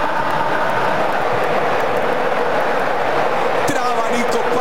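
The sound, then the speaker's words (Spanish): A huge stadium crowd cheers and shouts in a loud, continuous roar during a football match against Jordan, filling the whole stretch, with many voices blending together and no single speaker standing out. “La gente que alienta, la gente que grita. A ver si hacemos silencio y escuchamos al público un segundo.”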